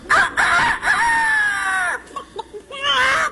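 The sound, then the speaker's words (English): A person loudly imitates a rooster's crow, a long sustained cock-a-doodle-doo with wavering harmonics, followed by a few short clucking yelps and a final rising squawk. “This is an imitation of a bird.”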